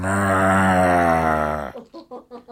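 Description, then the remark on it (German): A cow grazing on a green meadow gives a long, steady, deep moo that lasts nearly two seconds, loud, followed by a few short, quieter vocal bursts. “Kann auch eine Kuh sein, Mu.”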